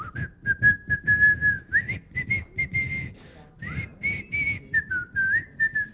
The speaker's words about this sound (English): They could tell when Omar's coming due to people shouting, "Omar's coming," and also because they could hear him whistling what tune? Is it The Farmer in the Dell?